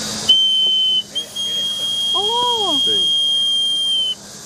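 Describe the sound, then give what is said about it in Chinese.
A Chinese clay whistle toy called tu ji gu (土鸡姑) is blown, giving a bright, shrill, steady high-pitched tone held for about four seconds, with one brief break near the start and faint warbling sounds underneath. “对，我们小的时候都会吹这个会响，只有这个玩了，没有其他玩。”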